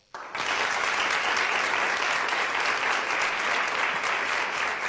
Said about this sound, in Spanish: Bueno, supongo que aplauso habrá solo después de esta introducción. Les pido que no aplaudamos más, porque si no, voy a convencerme de que hay un futuro político aguardándome.